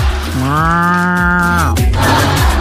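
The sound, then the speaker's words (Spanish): A single long, loud cow moo, rising then holding a steady droning tone for about a second and a half before trailing off, with faint outdoor background noise and no talking. “Hay una vaquita. ¿Dónde está esta? ¿Dónde están estas vacas?”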